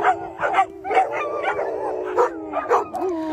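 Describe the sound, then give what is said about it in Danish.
Several dogs at a dog daycare in Charlottenlund bark, yip and howl together in a busy, overlapping chorus, with sharp repeated barks over sustained whining howls, steady throughout. “sender deres hunde i hundebørnehave, som den her i Charlottenlund, der hedder Daycare for Dogs”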